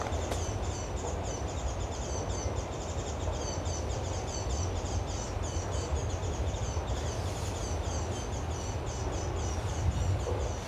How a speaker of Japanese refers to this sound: 結構長いですけど、 長いね、さえずり系の長さですよね、こんなに長いと。